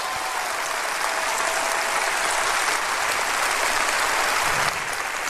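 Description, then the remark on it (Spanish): A crowd breaks into sustained applause, a dense, steady clatter of many hands clapping at once that holds at a fairly even loudness throughout, with no voices standing out. “Oh, si va a aplaudir, aplauda bien, hombre.”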